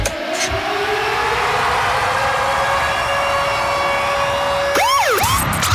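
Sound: alarm siren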